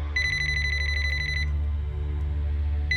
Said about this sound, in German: Mitten in der Nacht klingelte auf einmal Claudias Handy.